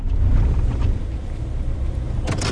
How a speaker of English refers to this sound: Back on the Fort Mojave Reservation, Williams parks his truck on the dirt road to visit the pump that takes water from the river to large central pivot irrigators.